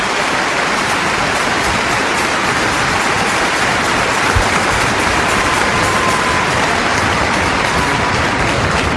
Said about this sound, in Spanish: Miren, si ese aplauso es para mí, es mucho, pero si es para el Señor, muy poco. Así que démosle un verdadero aplauso a aquel que realmente se lo merece.